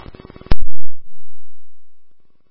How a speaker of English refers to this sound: Woodbury Station 3AF, these are your tones for 2421 Sumac Way, ALS response for trauma, time is 1511.